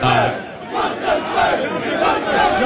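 A crowd of people screaming and yelling together in a dense, continuous roar, with overlapping shouts rising and falling loudly throughout.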